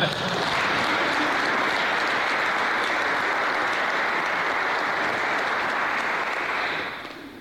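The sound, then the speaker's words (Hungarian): An audience applauds steadily for about seven seconds, at a talk on church and state, after a call for applause for Rita Rubovszky: a dense, even wash of many hands clapping at a fairly loud level that fades out at the very end. No one speaks over it. “Rubovszky Rita, te neked ez már pipa, egy tapsot kérek.”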